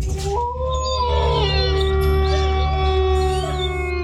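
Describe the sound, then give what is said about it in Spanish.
A loud, drawn-out wolf-like howl rises and slides in pitch, holding steady for several seconds over a constant low droning background. “poniéndole sabor a tu día desde el primer aullido.”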